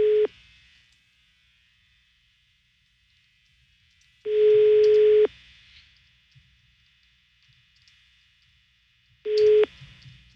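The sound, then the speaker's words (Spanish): A telephone line rings out with ringback tones, three steady electronic beeps about a second long, spaced several seconds apart, with faint low background murmur in the silent gaps. “Bueno, está sonando el teléfono.”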